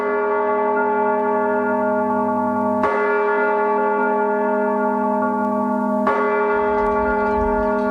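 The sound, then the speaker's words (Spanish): Hand-rung church bells in Spain's tradition of manual bell ringing strike loudly about every three seconds, each blow leaving a rich, sustained metallic hum of overlapping tones that carries on between strikes. No voices are heard. “la UNESCO inscribió el toque manual de campanas en España en la lista representativa del patrimonio cultural inmaterial de la humanidad”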